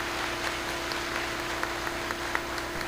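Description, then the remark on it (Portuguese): A church audience at a parish gathering claps steadily, the dense patter of many hands blending into a continuous wash with a few sharper claps standing out, over a faint low hum. “Uma salva de palmas para eles e para vocês.”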